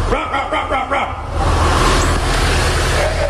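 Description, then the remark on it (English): A man imitates a dog with five quick, rhythmic barks into a sewer to check whether frogs rather than a dog are inside, followed by a steady wash of rumbling, traffic-like noise in which any answering frog barks are faint and hard to pick out. “That is literally a guy making sure it's not a dog in a sewer, but a frog. And the frog barks back.”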